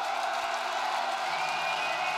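A large crowd roars and cheers in a dense, steady wash of noise, with applause and whoops blending into a continuous din that fills the whole stretch.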